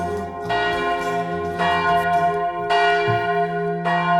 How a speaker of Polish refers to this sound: Czy słychać wyraźnie bicie dzwonów? I bardzo dobrze. W tym tygodniu słynne europejskie świątynie, a zaczynamy od klasztoru na wyspie, która raz wyspą jest, a raz nie jest, bo to zależy od przypływów i odpływów morza.